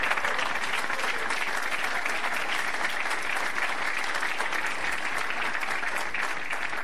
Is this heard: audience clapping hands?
yes